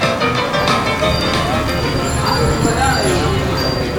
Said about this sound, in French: Dans les rues de Lille, un petit orchestre de sonnettes se fait entendre. Comme chaque dernier vendredi soir du mois, une équipe de cyclistes se réunit pour se faire voir et entendre auprès des passants.